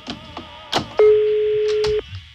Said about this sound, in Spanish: Sonando teléfono este güey. Ay, güey, no contesta el gasero. Este mendigo gasero. No contesta.